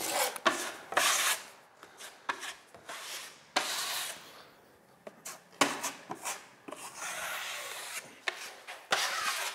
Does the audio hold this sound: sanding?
yes